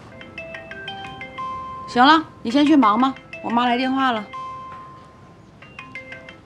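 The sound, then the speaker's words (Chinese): A melodic phone ringtone for an incoming call from the speaker's mother plays its stepped electronic tune at moderate volume, pauses while a person speaks briefly over it, then resumes ringing at the end. “行了，你先去忙吧，我妈来电话了。”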